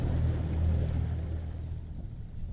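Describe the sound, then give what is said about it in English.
A small skiff's motor hums low and steady as it is navigated through brush, with water washing and splashing around the hull, fading slightly toward the end. “His new skiff, bought with money made as a construction worker repairing the village, is harder to navigate in the brush”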